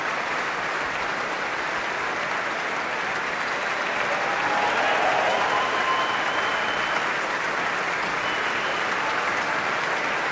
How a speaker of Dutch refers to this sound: En dit applaus is voor Ad Willeman, Raymond Roop en Johan Verheij, de trompetisten van het Radio Philharmonisch Orkest.